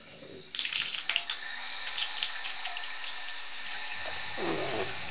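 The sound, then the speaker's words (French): Taps are opened with a few clicks and splashes, then water runs steadily into a sink for washing the dishes, a broad continuous hiss with a brief shift in tone near the end. “Il se penche sur la pointe des pattes pour ouvrir les robinets.”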